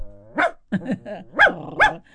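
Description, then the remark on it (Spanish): A person imitates a dog, letting out about five short, breathy barks in an uneven rhythm, each with a raspy, wheezy, asthmatic edge, fairly loud. “Ah, me salen los ladridos muy bien, ¿eh? Como estuvieran con asma.”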